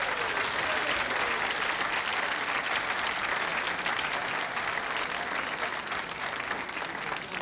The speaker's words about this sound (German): Ich darf zunächst einmal bitten, mein Gott, um den Applaus für Rot bitten. Jetzt der Applaus für Rot.